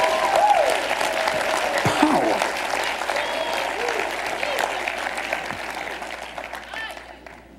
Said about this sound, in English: Come on, clap your hands and welcome the Holy Ghost here tonight.